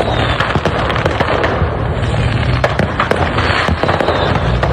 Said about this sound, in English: It's a whole firework show. What is happening? So much money.